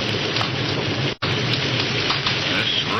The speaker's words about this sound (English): It led them to Phillipsburg, but just as the lights of the town came into view, lightning flared across the sky, thunder crashed, and a torrential wind-driven rain lashed against them.